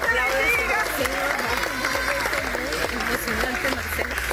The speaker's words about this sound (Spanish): Los aplausos en San Bernardino, en el área metropolitana de Caracas, donde 30 horas después rescataban con vida a un joven.